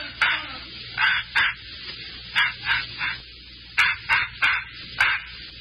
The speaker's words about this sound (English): Hey, Mike, don't that dog ever go to sleep?